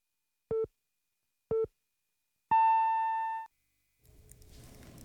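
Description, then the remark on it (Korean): A Korean radio time signal marking 12 o'clock, sponsored by EHL Bio: two short, evenly spaced low beeps followed by one longer, higher-pitched tone, then a soft wash of background sound begins before CBS news. “당신을 지키는 EHL 바이오가 12시를 알려드립니다.”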